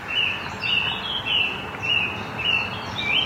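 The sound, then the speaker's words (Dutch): Birds chirp repeatedly in park De Houtkamp in Leiderdorp, a steady series of bright, high calls coming every half second or so over a soft outdoor hush, fairly clear. “Maar haar aandacht gaat toch vooral uit naar de vogels.”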